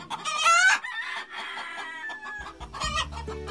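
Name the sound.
chickens clucking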